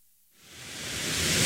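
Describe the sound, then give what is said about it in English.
Running water refilling the swimming pool at Petersburg's Aquatic Center starts after a brief silence as a steady, hissing rush that swells gradually louder over about a second, with no voices present. “This sound is something that hasn't been heard in Petersburg's Aquatic Center for roughly 3 months. Running water.”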